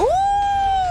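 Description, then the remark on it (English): A voice imitates a wolf howl: one sustained tone that swoops upward, then holds steady and strong, sliding slightly down at the end, with no words spoken. “Oh, a wolf.”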